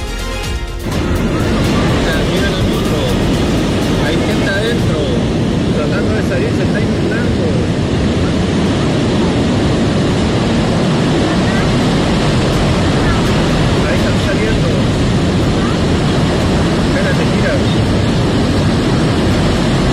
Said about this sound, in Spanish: Parte del sonido del agua que corre este gran torrente por calle General Blanche en la comuna de Las Condes.